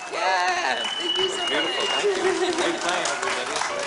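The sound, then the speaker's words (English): An audience applauds a new band called a band with steady, dense clapping that holds at an even loudness throughout, mixed with cheering voices and whoops rising over the clapping. “Let's hear it for the new band called ….”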